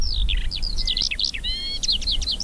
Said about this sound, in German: Also das ist die Feldlerche. Die ist jetzt nicht irgendwie besonders schön gefärbt. Das sieht man gleich, das ist einfach ein Vogel, der sieht aus wie der Boden hier in diesem quasi halbtrockenen Gras.